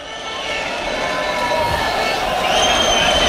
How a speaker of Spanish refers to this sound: Parecía el del Real Madrid por los cánticos de los aficionados, pero está llegando otro autobús.